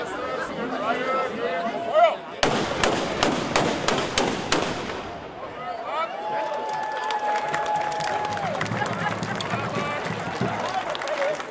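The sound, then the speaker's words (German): A sudden loud volley of black-powder salute shots (Böllerschießen) by the Schützengilde Zerbs rings out to start the Heimat- und Schützenfest 2026, a rapid crackling burst of bangs lasting a couple of seconds, then a crowd murmurs and chatters outdoors. “Mit einem Böllerschießen gab die Schützengilde Zerbs den Startschuss für das Heimat- und Schützenfest 2026.”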